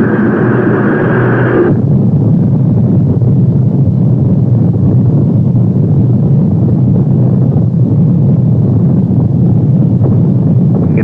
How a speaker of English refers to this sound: T-minus 10, 9, 8, 7, 6, 5, 4. We've gone for main engine start.